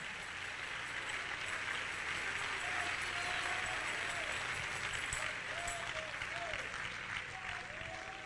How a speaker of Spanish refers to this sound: Dale palmas al Rey, aleluya.